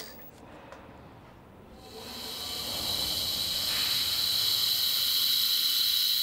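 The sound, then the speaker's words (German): A vacuum pump creating low pressure over a small dish of water gives a steady mechanical hiss that swells after a couple of seconds and then holds constant, with faint bubbling underneath as the water boils under the reduced pressure; no voices. “Mit der Vakuumpumpe wird Unterdruck erzeugt. Nach einiger Zeit kann man beobachten, dass aus dem Wasser Dampfblasen aufsteigen.”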